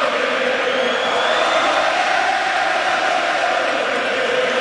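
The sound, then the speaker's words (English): A large hometown hockey crowd in Montreal cheers and roars before the national anthems at Game 4 between the Habs and Hurricanes, a steady, dense wash of noise that holds loud and unbroken throughout, with no single voice standing out. “Game 4 between the Habs and Hurricanes just about to get underway in Montreal, and the hometown crowd was feeling it before the national anthems. Take a listen.”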